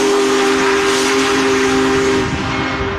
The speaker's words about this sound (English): Big Boy, the world's largest operating steam locomotive, chugged into St. Louis Saturday, and then today Union Station was one of the more than 50 whistle stops in 10 cities.